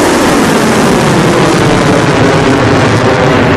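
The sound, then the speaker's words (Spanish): A loud, steady roar of drones and missiles in flight during an Iranian attack on the US Navy Fifth Fleet headquarters in Bahrain and a US helicopter base in Kuwait, a dense rumbling hiss that holds constant for a few seconds with no voices. “ha reivindicado esta madrugada haber lanzado primero drones y misiles contra la sede de la quinta flota de la Armada de Estados Unidos en Bahrein y también contra una base de helicópteros de Estados Unidos en Kuwait.”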